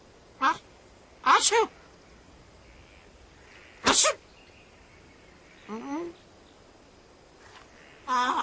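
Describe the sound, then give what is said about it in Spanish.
A series of sharp, explosive sneezes, loud, spaced irregularly with pauses between them, plus a short voiced squeak midway. “Al estornudar recordé algo que pasó en... en Subulandia.”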